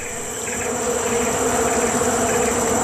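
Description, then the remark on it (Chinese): A dense, steady drone of many bees buzzing around a beehive full of honey, bees of a species without a stinger. A continuous layered hum with no pauses and no voices, holding at an even loudness throughout. “这只马来熊似乎发现了什么，是一个蜂巢，”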